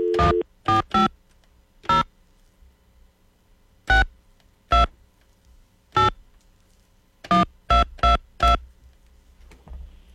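A telephone number being dialed: about eleven short, clear keypad tones punched in irregular clusters with brief pauses between, fairly loud against a quiet background, with no one talking.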